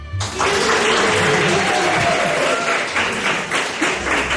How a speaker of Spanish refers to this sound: Fíjense, les he dicho, cuando os guste algo, vosotros os aplaudís. Cuando os guste algo, ¿os está gustando?